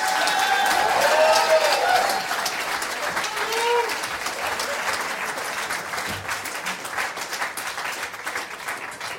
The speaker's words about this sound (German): Riesen Applaus nochmal für euch zwei.